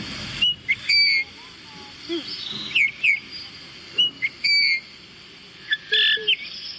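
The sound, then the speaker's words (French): A Eurasian bullfinch gives a series of soft, piping whistled calls, short clear notes repeated at irregular intervals over a faint background hiss, moderately loud. “Et on va faire le bouvreuil.”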